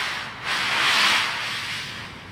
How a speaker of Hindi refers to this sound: Sledge के फिसलने की गूंज सुनाई पड़ती है।